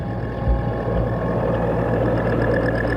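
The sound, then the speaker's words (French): A dull, steady growl of the motor of an Italian human torpedo nicknamed maiale (pig), ridden by frogmen: a low droning hum with layered harmonic tones that holds constant for about three seconds, with no voices. “À cause de sa forme arrondie et allongée et du grognement sourd produit par la torpille.”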